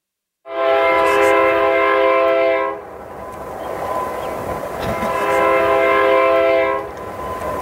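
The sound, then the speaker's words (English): A train horn sounds two long, loud, multi-toned blasts, separated by a short gap, over the steady rumble of a train passing along Highway 60 in Marionville, Missouri. “A train whistle blows as it passes along Highway 60 in Marionville, Missouri.”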